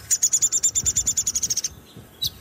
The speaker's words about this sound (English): Downy woodpecker. He sort of chatter to some extent too.